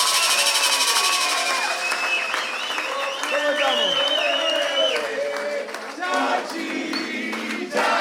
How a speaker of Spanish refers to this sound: Los aplausos bien fuertes para los pibes, ¿eh?